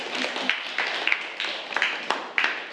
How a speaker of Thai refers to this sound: ค่ะปรบมือให้กับตัวแทนเลขที่9ด้วยค่ะ